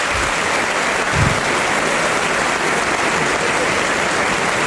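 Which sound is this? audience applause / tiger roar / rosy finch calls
audience applause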